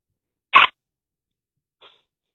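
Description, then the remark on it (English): A 10-year-old's voice does a quick imitation of a crow falling down a well: one short, harsh squawk, then a much fainter little trailing sound after a pause, with silence around both. “can you please give me a crow that falls down a well?”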